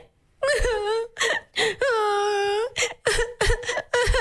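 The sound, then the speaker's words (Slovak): A person performs exaggerated crying, acting out Hansel and Gretel lost in the forest: a series of wailing, whimpering sobs with rising and falling pitch, broken by short gasping pauses, fairly loud with no other sounds. “Takže, tvojou úlohou je teraz plačom zahrať situáciu, ako Janko a Marienka sú stratení v lese.”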